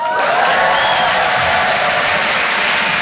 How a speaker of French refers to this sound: Les gens applaudissent, c'était facile.